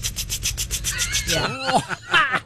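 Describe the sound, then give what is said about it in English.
A voice imitates a water sprinkler: a quick, steady run of about eight hissing, spitting bursts, then wavering, whistle-like vocal sweeps that rise and fall in pitch. “That my water sprinkler impression might be the best one I've ever done.”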